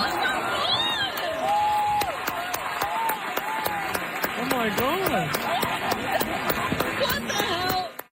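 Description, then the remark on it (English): A theater audience erupts in sustained cheering and whooping after an audience member volunteers to sight-read and play on stage. Scattered sharp claps and excited voices rise and fall throughout, loud and continuous for about eight seconds before cutting off. “As you can hear from the crowd's reaction, a hero emerged,”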